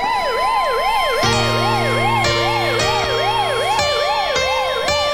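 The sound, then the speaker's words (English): A loud ambulance siren sound effect wails in a fast rising-and-falling yelp, joined by repeated deep horn blasts that stack over the warbling tone throughout. “Ambulance for Jude Bellingham.”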